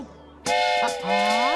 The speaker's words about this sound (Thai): จ๊ะ นี่ครับรถไฟ